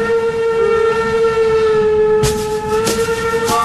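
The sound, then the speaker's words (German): A train locomotive rumbles with a steady, sustained whistle tone over it, while sharp metallic clanks of the wheels break through near the end. “Ihr erlebt beeindruckende Lokomotiven und dürft sogar mitfahren.”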